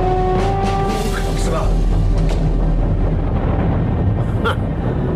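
A loud, deep rumbling roar of the volcano Erebus, approached by a burning ship trying to fly over it, fills the whole stretch, dense and continuous, with a steady droning hum and faint higher crackles over it.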